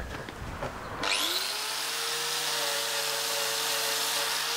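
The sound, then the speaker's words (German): An angle grinder whirs to life after a second of quieter rustling, its pitch sweeping up fast to a steady, loud, high whine that keeps running to the end. “Kannst du ja mal die Flex hergeben, dann können wir das machen.”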